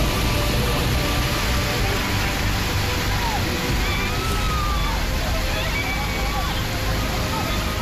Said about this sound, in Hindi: हुआ यूं कि भारी बारिश के चलते पहाड़ी नाले में अचानक बाढ़ आने से लोग फंस गए। आप देख सकते हैं कि नाले में पानी का बहाव कितना तेज है।